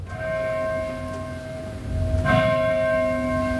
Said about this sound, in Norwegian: Ja, ja. Så fik vi også kirkeklokker ind i morgenradioen.